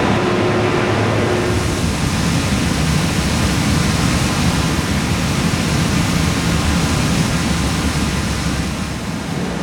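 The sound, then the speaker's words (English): A loud, steady roar of raw sewage and wastewater rushing into a wastewater treatment plant, pouring into a channel, fills the whole scene without letting up; no voices are heard. “You're going to look down at the raw sewage and all the other things that are floating on the top of the water from all the wastewater that's coming into the plant right now.”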